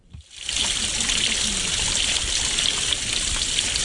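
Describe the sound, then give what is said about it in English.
Water pours steadily out of a stormwater pipe and splashes into a stream in Parry Coldy Park, Warkworth, north of Auckland, a continuous rushing trickle that starts abruptly and holds an even, bright hiss throughout. “Water flows out of a stormwater pipe and into a stream in Warkworth's Parry Coldy Park, north of Auckland.”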